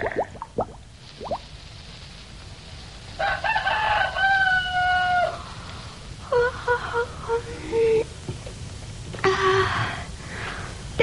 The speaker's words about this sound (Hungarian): Siessünk, nyár van, hamar virat, mintha már valahol kukorékolna is egy kakas.